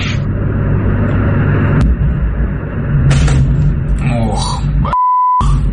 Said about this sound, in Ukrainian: Щоб вам було цікавіше, паралельно буду показувати український удар по Москві. Той, де була літаюча кришка резервуара. Насолоджуйтесь.